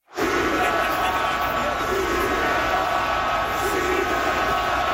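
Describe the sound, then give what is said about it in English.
A huge arena crowd of about 20,000 hockey fans in Montreal yells "shoot the puck" during a Canadiens game against Carolina, one steady, loud wash of voices that holds without a break from start to finish, with no single voice standing out. “Twenty 20,000 people, give or take, yelling, shoot the puck.”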